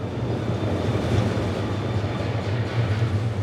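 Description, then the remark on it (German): A steady low rumble of a train at Dongdaegu Station in the east of Daegu, South Korea, with a constant droning hum and faint rattling, continuous for a few seconds with no voices. “Im Bahnhof Dongdaegu, einer Station im Osten der Stadt, steigen wir aus.”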